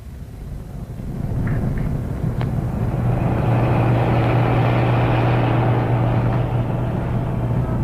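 A heavy engine rumble swells in after a quiet start and holds steady, a deep droning hum of a truck driving off with a car following close behind it, with no voices.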